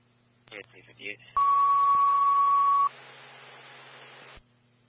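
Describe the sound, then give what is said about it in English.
A brief burst of radio voice gives way to a loud, steady fire dispatch alert tone lasting over a second, ringing out over crackly radio static that lingers after the tone cuts off; the tone alerts Elk Creek Fire to respond to a fire alarm at 10289 Christopher Drive. “Fire, respond to a fire alarm at 10289 Christopher Drive. Repeating, Elk Creek Fire, respond to a fire alarm at 10289 Christopher Drive.”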